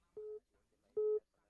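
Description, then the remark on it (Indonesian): Two short, steady telephone line tones from telephone line Pro 4 as a caller connects to the radio program Pro Dangdut, each about a quarter-second long with a clicky onset, separated by a brief pause, heard over a faint, muffled background. “dan beta terima lagi dari line telepon Pro 4.”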